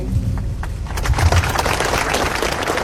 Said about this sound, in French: Un autre intervenant proclame sous les applaudissements « L'islamisme tue, mais pas de place pour l'islamophobie ».